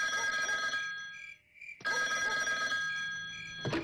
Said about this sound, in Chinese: 如何处理周浩的时候，兵团副参谋长李成一突然打来了电话。